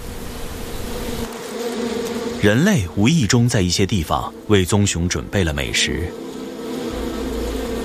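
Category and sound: insect, bees buzzing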